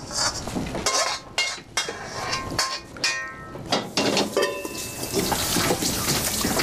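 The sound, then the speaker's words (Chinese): A tap runs in a steady, hissing stream while hands are washed, with a few sharp clinks of dishes or utensils scattered through it. Nobody speaks. “别管了，你去洗手。”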